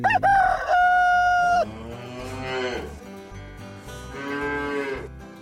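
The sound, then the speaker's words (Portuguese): A loud rooster, Canela Amarela, crows, then a cow, Mimosa, lets out two long, drawn-out moos, one after another, with no talking. “É, vai berrando, Mimosa, vai cantando Canela Amarela.”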